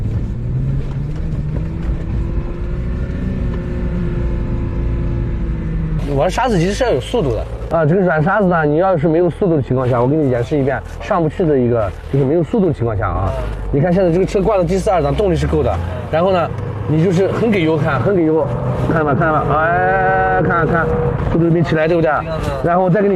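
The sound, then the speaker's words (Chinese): An off-road vehicle's engine drones steadily on sand from start to finish, loud, with excited voices talking over it for most of the stretch, as the driver takes the vehicle to a sand bowl ahead to drive around it. “我带你到前面的锅涮一下啊。”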